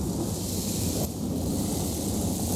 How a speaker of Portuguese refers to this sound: Dia de chuva.